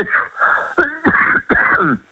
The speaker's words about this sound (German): Das ist mein Husten, wie gesagt.